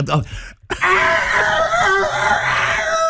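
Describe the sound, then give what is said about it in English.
A person does a loud, strained imitation of a rooster crowing, one long drawn-out screechy cry lasting a couple of seconds after a brief vocal sound and a short pause. “It's just the worst rooster impression ever.”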